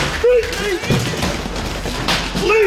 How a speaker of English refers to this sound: That was the sound the streets woke up to this morning as police smashed down the door of a seemingly normal house.